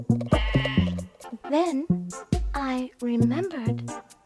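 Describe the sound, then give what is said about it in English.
A human voice imitates sheep, bleating "baa" several times in quick succession, each call wavering and nasal, loud, with short gaps between. “And I replied baa, baa.”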